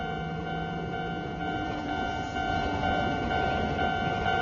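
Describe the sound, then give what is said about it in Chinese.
A train rumbles past as crab-eating macaques narrowly dodge it, a loud, continuous roar of wheels with steady high-pitched metallic tones running through it and growing slightly louder toward the end, with no voices. “就差一点儿，躲过了火车，现在他们开始横穿马路。”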